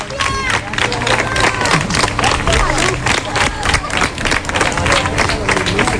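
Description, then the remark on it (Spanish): A large crowd in Ceuta claps steadily and cheers as visitors leave, a dense, continuous wash of applause with excited voices and babble mixed in, loud throughout. “Mira, con aplausos otra vez.”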